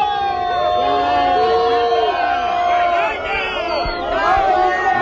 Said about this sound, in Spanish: Ya lo escucháis, sí. Los abucheos, los gritos de vergüenza, vergüenza.